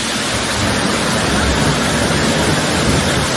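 A mountain waterfall, the first-tier Poyang Lake Waterfall, rushes steadily and loudly from start to finish, a dense, unbroken roar of churning water with no voices over it.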